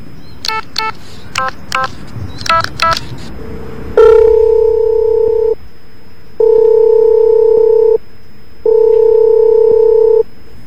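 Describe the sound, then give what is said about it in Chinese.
A quick run of about ten telephone keypad beeps as a class teacher's number is dialled, followed by a steady line-busy tone in three long bursts with short gaps; the call does not get through. The sounds are clear, with no talking. “哎呀死啦，打唔通添，提示话正在通话中，可能班主任呢忙緊其他事”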